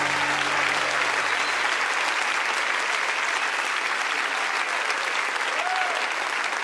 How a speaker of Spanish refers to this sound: aplauso a él.